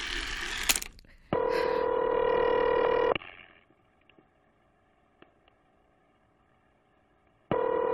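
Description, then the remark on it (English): A telephone is dialed to call the operator: a clatter as the receiver is lifted, a steady electronic tone for about two seconds, a pause with faint clicks, then the tone sounds again. “Call the operator again.”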